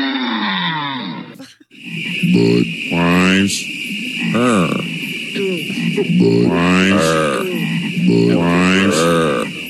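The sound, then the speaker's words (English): A series of deep, throaty frog croaks from a 1990s Budweiser TV commercial sounds loud, one after another in a slow rhythm, over a steady high tone and faint background music. “your former employer, Budweiser, was all over TV in the 90s with the frogs.”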